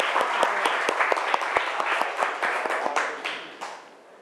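A group of students in a classroom clapping for their classmates, a burst of many quick overlapping claps that stays fairly loud before tapering off toward the end. No one speaks.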